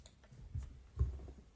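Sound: computer mouse clicking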